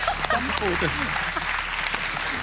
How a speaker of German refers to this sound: Ein Applaus für das Karnickel.